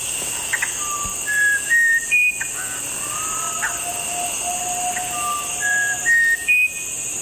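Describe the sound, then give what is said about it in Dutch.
A musician wren sings clear, pure whistled notes in a slow, melodic phrase, each tone sliding or held, repeated twice over a steady buzzing backdrop of forest insects. “Ja, en deze soort heet de muzikanten op Ren. Oké. Okay. Of muzikanten winterkoning.”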